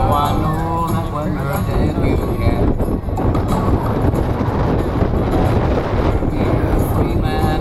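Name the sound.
strong wind blowing outdoors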